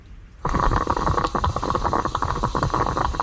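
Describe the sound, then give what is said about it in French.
A stovetop Italian moka pot making coffee gurgles and sputters, a steady bubbling hiss with rapid irregular pops that starts abruptly after a brief quiet moment and continues throughout, no voices. “C'est la machine à café. Le perco. C'est une cafetière italienne, ouais.”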